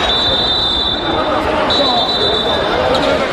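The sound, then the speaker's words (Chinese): Two long, shrill whistle blasts at a steady high pitch, blown by a spectator at an amateur basketball game in China, separated by a short break, sounding over the loud, constant roar and chatter of the crowd. “刚才这一下是观众吹的哨子吗？在场所有观众不要发出口哨声，好不好？”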